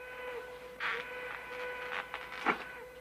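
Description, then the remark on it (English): A train whistle holds a steady, sustained tone throughout, with a few brief mechanical rattles and clunks rising over it. “hears the train whistle and checks his pocket watch.”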